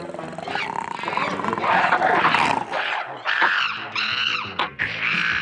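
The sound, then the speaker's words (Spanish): Giant red ape-men, beasts of Mongo covered in red hair, growl and roar loudly in a continuous stretch of harsh, snarling vocalizations that break into several shorter fierce bursts toward the end. “Los hombres mono rojos, criaturas gigantes cubiertas de pelo rojo, con fuerza brutal y mirada feroz.”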